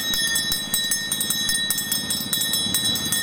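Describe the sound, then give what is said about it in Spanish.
A beach ice cream vendor's hand bell rings rapidly and repeatedly, its bright metallic clangs steady, with a low rumble of background noise underneath and no talking. “¿Sonando la campanilla? La campana, tengo helado, bebida, patata, fruto seco. A ver, ¿cómo suena la campana?”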